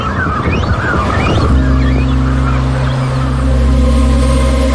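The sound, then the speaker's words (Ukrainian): A cormorant colony with chicks, disturbed by approaching people on newly exposed islands of the Dnipro river, calls out in agitation with harsh, honking croaks. After about a second and a half a steady low motor drone rises and dominates beneath the birds. “Але баклани із пташенятами зовсім не раді відвідувачам.”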